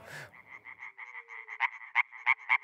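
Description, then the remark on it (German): A European tree frog calls in a fast run of harsh, nasal pulses that grow steadily louder, ending in four strong, evenly spaced bursts. No one is talking. “Mithilfe dieser Schallblase kann ein einzelner europäischer Laubfrosch bis zu 90 Dezibel erreichen, lauter als ein Staubsauger.”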